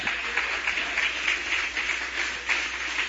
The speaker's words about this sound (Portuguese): Quem pode aplaudir Jesus nesta manhã também?